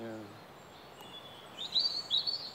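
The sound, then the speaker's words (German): Small birds living in old scaffolding holes in the wall of a hand-built structure chirp in quick, high bursts that grow louder toward the end, with a brief trailing voice at the start and a quiet outdoor background. “Und die Löcher? Du kannst sie immer noch sehen. Jetzt leben Vögel drin.”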